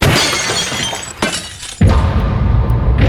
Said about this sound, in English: That was a piece of glass that was given to me. How can you break it?